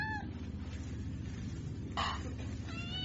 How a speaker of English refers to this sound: Do you know what you get for smuggling a cat on board?